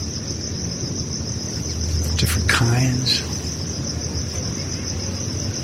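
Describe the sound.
A steady, high-pitched chorus of insects chirping in the woods at night drones without pause from start to finish, while a voice briefly says a few words partway through.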